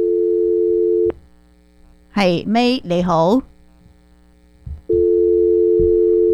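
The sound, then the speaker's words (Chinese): A steady, loud telephone line tone drones for about a second after a caller's phone line apparently drops during a radio phone-in, cuts out while someone briefly speaks, then returns unbroken to the end. “冇咗声吓，可能甩咗啦条线。”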